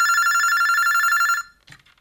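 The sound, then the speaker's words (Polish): A wall-mounted telephone's loud, bright bell rings with a rapid metallic trill for about a second and a half, then cuts off, followed by a short clunk and rustle. “w której pani miała telefon zawieszony na ścianie i zawsze jako taka przedstawicielka klasy średniej odbierała telefon, przedstawiając się”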